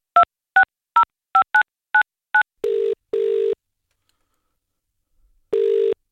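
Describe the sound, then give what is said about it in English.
A rapid series of seven short two-tone keypad beeps as a number is dialed on a phone held up to a microphone, followed by longer ringback tones with pauses between them, clear with no talking. “Okay, let me dial that. Okay, I'm going to have to hold my phone up to the microphone again”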